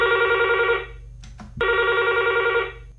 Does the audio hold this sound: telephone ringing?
yes